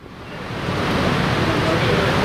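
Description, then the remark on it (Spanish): Heavy rain pours down over an open-air stadium in a dense, steady hiss that swells slightly at the start and then holds constant, loud, with no distinct drops standing out. “Estamos viendo cómo cae agua, ¿cuáles son las de agua? Yo creo que se oye el agua, sí, ¿no?”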